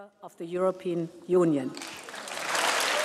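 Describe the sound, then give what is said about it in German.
A voice speaks briefly, then thunderous applause and a standing ovation for the prime minister from a large crowd erupts during the State of the Union address to the European Union, and keeps going steadily, loud and dense, until the end. “Tosender Applaus und stehende Ovationen für den Premierminister, einer der Höhepunkte der Rede der Präsidentin.”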